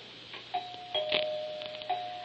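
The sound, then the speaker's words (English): A doorbell rings with a few struck bell-like tones whose clear, sustained hum lingers between strikes, moderately loud, with no one talking over it. “I don't hear the doorbell. It will ring.”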